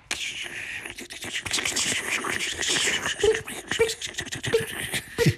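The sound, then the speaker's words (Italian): A homemade thunderstorm sound effect made live on the radio: steady, dense crackling and rustling noise imitating rain, with sharp scratchy clicks throughout and a few brief low tonal bursts imitating thunder near the end. “I tuoni! Ah, c'è proprio il temporale allora!”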